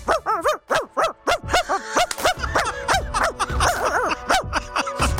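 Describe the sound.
A woman does a convincing impression of a chihuahua, firing off rapid, high-pitched yapping barks in a continuous stream for several seconds, with no other talking.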